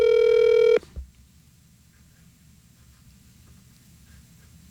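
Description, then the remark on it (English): A phone line ringing: one loud, buzzy ring tone lasts under a second, then a long quiet pause with faint line hum before the next ring begins. “Let's see if Rod picks up his phone.”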